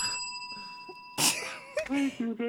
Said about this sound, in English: I'm going to ring the bell for you now. Wait, I'm also going to ring the bell for you.